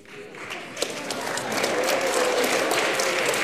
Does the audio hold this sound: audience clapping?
yes